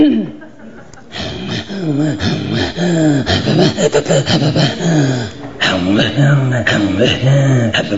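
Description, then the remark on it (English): Two voices trade rapid, rhythmic guttural pulses in an Inuit throat singing duet, the same sound sung half a second apart to blend the voices, with breathy in-and-out grunts and a pause before the close, pulsing chant resumes, loud. “Throat singing comes from our voice, our throat, and our breathing.”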